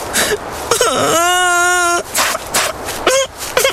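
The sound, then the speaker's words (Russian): A voice imitates the bitter crying of a little hare: short whimpering sobs, then a long, steady wailing moan, followed by a few more broken sobbing bursts, fairly loud. “Идет зайчик, горько плачет.”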